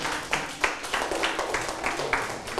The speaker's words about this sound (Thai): ปรบมือให้ทุกกลุ่มเลย